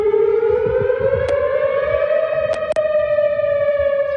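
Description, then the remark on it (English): A loud, steady outdoor tornado warning weather siren wails continuously on the Western University campus as a powerful line of storms moves through, its tone holding a sustained pitch with rich harmonics, heard alone with a few faint clicks and no talking. “So that weather siren was heard on the Western University campus last evening, with a tornado warning issued as a powerful line of storms moved through.”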